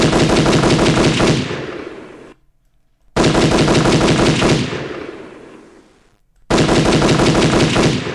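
A gunshot sound effect played on Radio Azteca at a listener's request: three loud bursts of rapid gunfire, each a dense rattling volley of shots that rings out and decays, separated by brief silences, with no voices.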